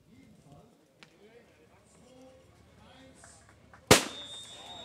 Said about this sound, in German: Der Startschuss ist gefallen durch Ministerpräsidentin Anke Rehlinger